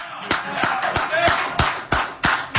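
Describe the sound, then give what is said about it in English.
A single person claps for player Jose Alvarado in front of the media, slowly and steadily, about eight sharp hand claps evenly spaced roughly a third of a second apart, with some talking audible underneath. “But I'm going to clap for Jose.”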